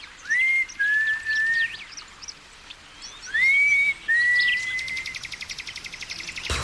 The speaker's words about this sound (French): Hé, je vais siffler pour les appeler.